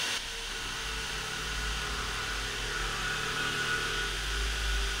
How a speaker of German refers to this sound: Mitten in der Nacht? Weißt du, also, wenn hier jetzt gebohrt wird, dann kann ich nicht weiterreden. Das sollte uns hier jetzt nicht stören, das ist doch weiter. Nein, das hören Sie doch! Das tun Sie doch nicht so, als würden Sie das nicht hören!